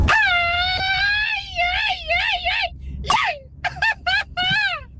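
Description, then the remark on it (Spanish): A person lets out a series of shrill, quavering screams, one long wail followed by several short yelping bursts, loud, sounding like a whimpering newborn puppy. “Neta, parece que estaba chillando un perrillo recién nacido.”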